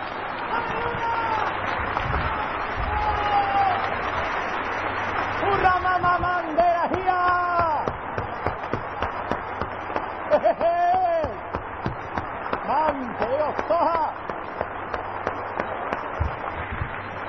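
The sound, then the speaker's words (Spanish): An audience claps and cheers steadily throughout, giving applause to God, a dense wash of hand claps mixed with raised, shouting voices that swell in bursts before settling into continued applause. “Denle un aplauso a Dios y diga, Señor, yo quiero.”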